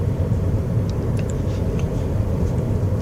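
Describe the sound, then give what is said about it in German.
A steady, low road rumble fills the cabin of a moving car driving through small villages in the Médoc on a sunny, fresh October day at 13 degrees, constant and fairly loud, with faint high chirps and ticks flickering over the engine drone. “Wir haben 13 Grad, zeigt zumindest mein Auto hier an.”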